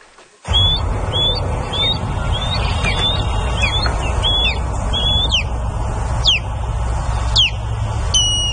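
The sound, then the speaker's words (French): Cries of ospreys, birds of prey: a series of sharp, high-pitched whistled chirps, some sweeping downward, repeated in an irregular run over a steady low rumble, with no one speaking. “Ce qu'on entend là, c'est le cri, ben les cris là de balbuzards pêcheurs.”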